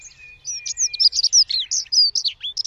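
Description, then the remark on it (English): Rapid, bright chirps and trills from small garden songbirds, including blue tits, wrens and dunnocks, tumbling over one another in quick bursts with a thin sustained whistle underneath; lively, with no voices. “At 4 months old, we spent an hour doing community science by counting our garden birds, observing blue tits, wrens and dunnocks.”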